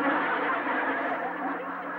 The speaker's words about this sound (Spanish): ¿Qué estabas tocando? La bocina.